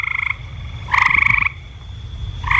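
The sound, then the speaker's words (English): A horned toad's mating call: loud, nasal trilling bursts repeating in three rapid pulsed phrases, over a low rumbling background with no voices. “The mating call of a horned toad.”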